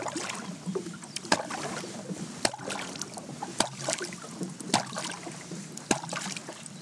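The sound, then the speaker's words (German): Five sharp, hollow knocks strike at a steady, even pace, about one per second, knocking out a rhythmic signal series jokingly called the 'Lied vom Wallertod', standing out clearly above a continuous wash of water and wind noise. No one speaks. “Ich klopfe uns mal das Lied vom Wallertod ein.”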